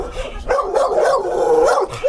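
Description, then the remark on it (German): Several dogs in the kennel runs of a back yard bark and yip continuously at strangers in a dense, overlapping chorus, loud, with some higher whining yelps mixed in; no one speaks. “Die Hunde machen jetzt natürlich Krach, weil ihr alle fremd seid.”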